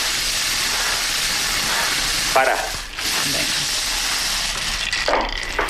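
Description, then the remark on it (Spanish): A lottery drum spins, its balls tumbling in a steady, dense rattling clatter that runs the whole time, with a brief spoken word partway through. “Bueno, pues calienta, bombo.”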